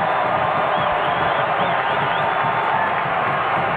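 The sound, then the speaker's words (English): A loud, sustained roar of the crowd at Dignity Health Sports Park cheering Mark Delgado's goal putting LAFC 1-0 up, dense and unbroken for several seconds with faint whistles and shouts rising through the din. “Oh, and listen to the 32-52 at Dignity Health Sports Park!”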